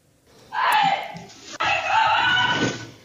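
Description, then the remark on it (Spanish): A woman screams desperately during a robbery of her home in a residential area of the Aljarafe, a loud, piercing, sustained shriek that breaks off briefly and then resumes for another long cry, strained. “Este grito desesperado de la influencer Rocío Osorno y esta cámara grabando a los asaltantes”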